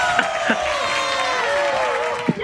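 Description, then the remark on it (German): Several voices, including a man's wife, cheer and whoop together in the background, a continuous excited jumble of raised voices with rising and falling tones, without any clear words. “Was waren das im Hintergrund? Meine Frau. Jubeln alle mit.”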